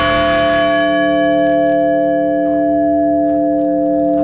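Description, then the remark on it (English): A large memorial bell tolls once in Shanksville to honor the 40 lives lost on United Airlines Flight 93 on 9/11. Its deep, loud, resonant tone rings on and slowly sustains, with no voices or other sounds around it. “And in Shanksville, bells and speeches honored the 40 lives lost on United Airlines Flight 93.”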